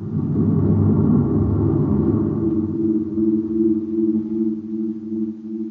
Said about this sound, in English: As Baccarati's ship roars away toward the northeast, a cloud of dust settles over the place where the prince had seen Buzz Corey's ship disappear in a blinding flash.